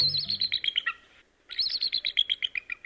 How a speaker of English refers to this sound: Look high into the top branches of a tall tree, and you may see the source of this call, a bald eagle. Yes, that squeaky door sound comes from the official bird of the United States of America.